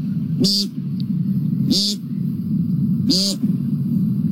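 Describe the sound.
A person imitates an American woodcock's buzzy, nasal peent call three times at steady intervals, fairly loud, over a constant low rumble in the background.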